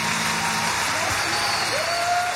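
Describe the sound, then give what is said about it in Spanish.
Sustained audience applause at a live show in Rosario, a dense, steady wash of clapping at even loudness throughout, with a faint tonal whistle or feedback line rising in the background. “Fuerte el aplauso”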